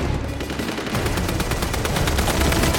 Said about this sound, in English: She ducks as gunfire rains down on the roof. It kills a nearby rebel fighter.